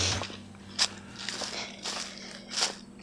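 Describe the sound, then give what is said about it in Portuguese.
Around four footsteps crunch slowly and steadily as a woman walks across frosty, dry straw, each one a crisp crackling crunch, with no talking and a faint low hum underneath. “É jada, ela tá falando lá que é da jada, né? Se você não entendeu, ela tá pisando ali.”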